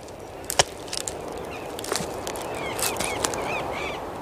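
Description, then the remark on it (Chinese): An Argentine woodpecker, the largest woodpecker in South America, taps on a tree branch high in the canopy of a tall tree in a Chilean forest, searching for food. The knocks are scattered and sharp at an uneven pace, with thin chirping bird calls in the background and a steady outdoor hiss. “这哒哒哒的敲击声是南美最大的啄木鸟——阿根廷啄木鸟的节奏狂想曲。”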